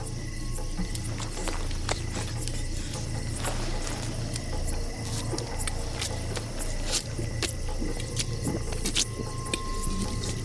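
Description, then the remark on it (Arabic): Water trickles and drips from a leather waterskin offered to a thirsty man to drink, with soft squishing and sloshing sounds over a steady low rumble, no one speaking. “ها امسك القربة واجرب لك شوي ماء.”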